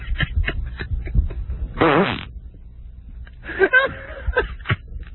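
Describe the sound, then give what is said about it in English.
A loud fart with sputtering, rasping bursts: short pops at first, a long quavering blast in the middle, then another wet, fluttering stretch near the end, prominent. “I can't believe that I'm being offended by someone else's fart. Oh, it's just a huge noise.”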